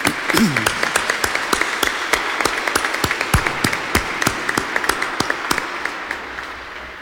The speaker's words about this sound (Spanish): Que Dios bendiga a todas las mamás. Vamos a iniciar dándoles un aplauso a todas las mamás del mundo.